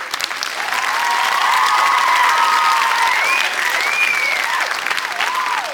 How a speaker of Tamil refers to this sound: நாங்க புடிங்க பலத்த கைத்தட்டல.